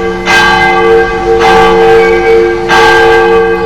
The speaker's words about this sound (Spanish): Dice, oye, ya vete al campanario a dar la segunda para que se pongan listos para cuando pase el canasto. Sí, es cierto, ya es hora.